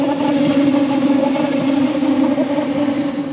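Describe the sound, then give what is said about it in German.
A steady, loud mechanical whirring and rumbling with sustained tonal bands as a train rolls past on the tracks between Bayerisch Gmain and Berchtesgaden, with no voices. “Schon lange, bevor man den Zug sieht, baut sich ein schwirrendes Geräusch auf, das immer lauter wird, bis der Zug vorbeifährt.”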